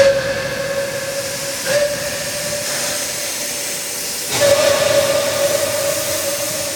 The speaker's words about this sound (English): I always say, you get children, they look at the Flying Scotsman, it's got smoke and steam engine. Come down here, got a little industrial engine, smoke and steam.